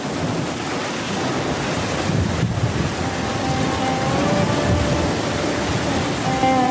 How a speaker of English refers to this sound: The last few days have been extremely hot, well over 30 degrees Celsius, which is unusual this high up in the mountains. And by evening, a thunderstorm is brewing. The heavy rain continues for 2 days and nights, causing massive floods.